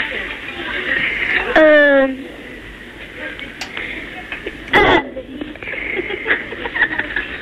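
A child lets out one short, loud, buzzy burp over a thin, telephone-quality line, followed by faint background hiss and a brief rustling noise a few seconds later.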